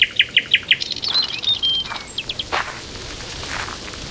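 Birds singing in the majestic trees of a large park outdoors: a quick run of five bright repeated chirps opens, followed by thin whistles and scattered calls from other birds, over a soft open-air background hiss.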